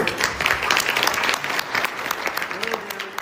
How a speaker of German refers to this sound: Und von Präsident Macron gab es entsprechenden Applaus.